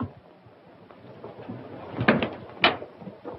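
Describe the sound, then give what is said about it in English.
A door opens as a father arrives at it, with two wooden clunks and a brief rattle of the latch amid quiet, with no one speaking. “There's your father at the door.”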